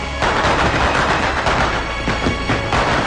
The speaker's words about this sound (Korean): 다리 어귀에서는 이따금 요란한 소리를 내며 폭죽이 터지였다